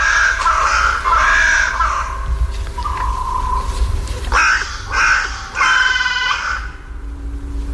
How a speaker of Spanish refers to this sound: Esta es la Alameda del Medio Punto, en mi pueblo, en La Granja, en Segovia. Sí, sí. Y aquí, en los árboles que flanquean el Palacio Real, se despiertan las cornejas a su manera, con esta voz cascada.